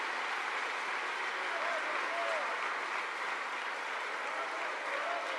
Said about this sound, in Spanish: ¿Cuánto le damos gloria al Señor? ¿Cuánto le damos un aplauso a esa presencia de Dios?